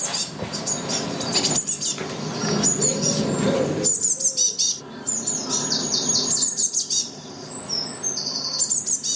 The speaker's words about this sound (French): La mésange bleue est un petit passereau insectivore au plumage parfois rehaussé de teintes vives répandues dans le monde entier.